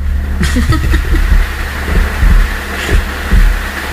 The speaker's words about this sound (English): It's like that thunder's going to roll right into the house. Sure seemed that way. What are we going to tell him? It's Angels Bowling? It's fucking thunder.